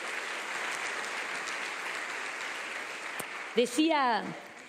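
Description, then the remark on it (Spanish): A crowd applauds for the King in a steady, dense wash of clapping that carries on for several seconds; near the end a voice rises in a brief shout over the fading applause. “Vamos a dar un aplauso al Rey.”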